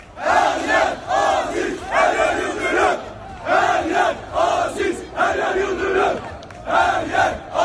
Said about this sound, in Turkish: stat dışında tam da hava kararmaya yakınken Aziz Yıldırım'ı destekleyen Fenerbahçeli taraftarlar tezahüratlara başlamıştı. Şöyle tezahüratlar vardı.